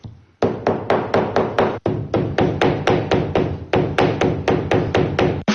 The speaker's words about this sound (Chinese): 你能想象吗？他们用锤子砸花草树叶，是为了给包包寻找新的配色。